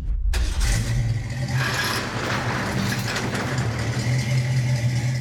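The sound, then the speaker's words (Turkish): A car engine rumbles steadily throughout, with a low droning hum and some rising revs as the car is driven into a garage; no one speaks. “Ant'ın bu arabayı garaja getirme şekli bana garaja soktuğumuz diğer arabaları hatırlattı.”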